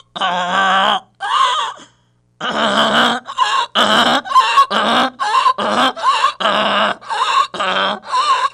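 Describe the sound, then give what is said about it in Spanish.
A donkey brays loudly and hoarsely, a string of harsh, rhythmic hee-haw gasps that rise and fall, with a short pause after the first two before the braying resumes. No one speaks. “El burro, que lo traigan, pues. Tráelo, pues, el burro.”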